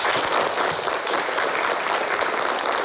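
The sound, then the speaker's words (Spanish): A group breaks into steady applause welcoming a new classmate, many hands clapping together in a dense, continuous patter that stays loud and even from start to finish, with no voices standing out. “Y vamos a recibirle con un aplauso.”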